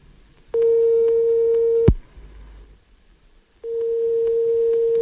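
A telephone ringback tone: a steady, loud buzzing tone holds for over a second, pauses in silence, then starts again, repeating with no one picking up and no voices.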